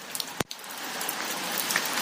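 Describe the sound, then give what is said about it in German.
Rain falls on a metal roof as a steady, dense hiss of patter, broken early by one sharp knock. No one speaks. “Hier ist so ein Blechdach. Man würde denken, es trommelt übelst.”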